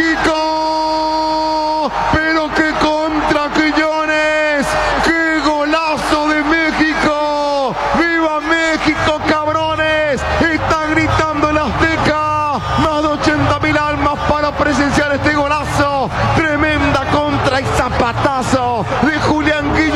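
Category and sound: crowd, stadium crowd roaring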